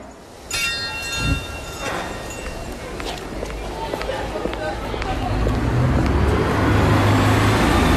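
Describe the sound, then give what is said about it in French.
A bus engine rumbles amid road traffic in a village of 2,500 inhabitants near Soigny, in the province of Hainaut, at 2 p.m. on a grey Thursday in May. A brief high whine comes early on, then the low, broad roar swells steadily louder as the bus pulls away or passes. “Je viens de descendre du bus à Auru, un village de 2500 habitants à côté de Soigny, dans la province du Hainaut.”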